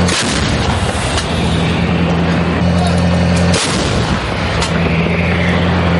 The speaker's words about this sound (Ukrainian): Один за одним в бік штурмових груп рашистів вилітає майже десяток снарядів.